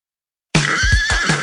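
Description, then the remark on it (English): A horse whinnies loudly after a moment of silence: a high, wavering neigh with a shaky, pulsing quality and no voices. “Having a human on your back can't feel all that great to a horse, but what we do in the saddle can make a big difference.”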